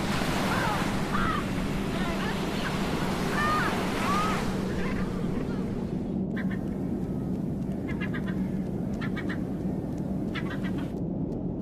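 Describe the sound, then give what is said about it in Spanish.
A crowd of Antarctic penguins calls with nasal, braying squawks that overlap, while steady ocean surf and wind roar beneath, with brief sharper chirps near the end. “Los pingüinos, con sus pasos torpes en tierra y movimientos elegantes en el océano, son un símbolo del mundo antártico.”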